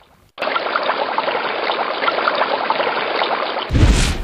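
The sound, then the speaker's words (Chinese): River water rushes steadily in a loud, dense, continuous wash after a brief silent start, with a sudden shift to a deeper, heavier surge near the end. It is spring snowmelt pouring into the Qingzhu River, swollen in late spring, in a county of Sichuan, China. No one speaks. “每到春季来临，积雪开始融化，大量水流源源不断地注入青竹江，这也是青竹江在春末夏初时河水暴涨的原因所在。”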